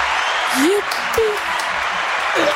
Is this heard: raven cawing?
no